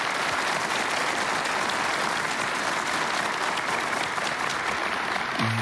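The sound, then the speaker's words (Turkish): Sustained audience applause for the Turkish Folk Music and Turkish Art Music singers and the TRT Ankara Radio polyphonic choir: a dense, steady wash of many hands clapping at an even loudness throughout, with no voices standing out. “Ve bu muhteşem geceye sesleriyle anlam katacak Türk Halk Müziği ve Türk Sanat Müziği sanatçılarımız ve TRT Ankara Radyosu çok sesli koromuz için hepinizden güçlü bir alkış istiyoruz.”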